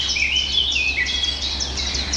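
A Eurasian blackcap sings a rapid, warbling run of varied high phrases, steady throughout, with a faint low rumble in the background and no voices.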